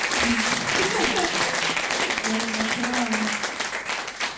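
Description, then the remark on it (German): Steady audience applause for the host moderating the event fills the space, a dense wash of many hands clapping at once, loud and sustained throughout, with faint voices murmuring underneath. “Können wir noch mal einen Applaus machen”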